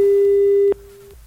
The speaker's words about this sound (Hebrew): בואו נתקשר בבקשה, יש לנו זוכים, נכון? בהחזר הקנייה, בואו נחייג אליהם, בואו, שימו לי חיוג, שימו לי טלפון באוזן.